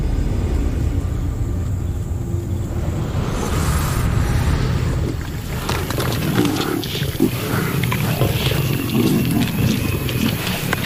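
Deep, rumbling lion roars and growls fill the first half, loud and low-pitched, then give way to a rougher, crackling wild-animal commotion with scattered snarls. No one speaks.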